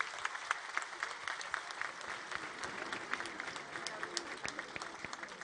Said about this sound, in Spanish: que, en el marco de estas fiestas a nuestro patrono, el gran San Nicolás de Tolentino, hoy recibimos al gran amor, el invitado especial, el Sagrado Corazón de Jesús, a quien pido que le brindemos un fuerte aplauso como signo de este amor y gratitud.